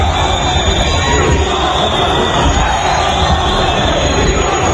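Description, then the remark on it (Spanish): A large crowd in Ceuta roars with loud, sustained booing and shouting at Sánchez as he arrives at the Assembly of Ceuta mid-morning, a dense wall of voices from a packed outdoor gathering that never lets up. “Sánchez llegaba a la Asamblea de Ceuta a media mañana en medio de uno de los abucheos más sonoros que se recuerdan contra él en público”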